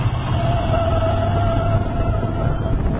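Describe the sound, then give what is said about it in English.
A car brakes with anti-lock brakes engaged: a steady, loud mechanical rumble with a sustained low hum and a higher whining tone running throughout, and no one speaking. “You see how ABS lets you keep control of the vehicle while braking?”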